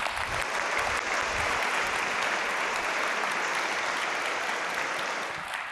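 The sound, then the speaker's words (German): An audience at an award show applauds steadily, a dense wash of many hands clapping at a constant level that eases off slightly at the end, with no voices over it. “Ihr macht sehr gut mit hier beim Applaudieren.”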